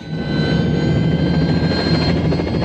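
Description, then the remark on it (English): The engine and rotor of an orange and white helicopter whir loudly and steadily as its blades begin to spin before it flies up into the Alps, a dense low rumble with a thin whine on top, quickly building to full volume and holding there. “From the road below, Campbell watches the chopper blades begin to spin.”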